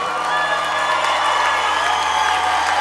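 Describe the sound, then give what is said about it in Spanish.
A large audience applauds and cheers continuously, a dense, steady wash of clapping with scattered whoops and shouts, loud throughout. “Denle más fuerte ese aplauso.”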